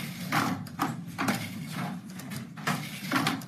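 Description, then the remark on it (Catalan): Horse hooves clip-clopping in a steady, uneven two-beat rhythm, a series of hollow knocks at moderate volume with no voices present. “Catric-catrac.”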